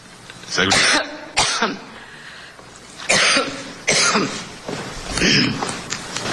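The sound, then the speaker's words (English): A woman's loud coughing fit: five or six harsh, raspy coughs come in uneven bursts with short gasping pauses between them, ending in throaty, strained sounds. “Well, she had that problem when she went into that coughing fit.”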